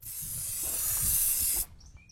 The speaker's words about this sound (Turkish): Şimdi püskürtüp kolay çalıştırma evet, yapalım. Her zamanki ateşleme gibi.